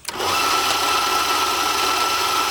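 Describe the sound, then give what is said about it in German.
A steady, loud electric motor whirs continuously after a brief start, with a constant high-pitched hum and a bright tonal line, as an electric kitchen mixer runs at one speed, mixing cocoa and eggs. “Gibst du mir mal Kakao, Eier und Mixer rüber?”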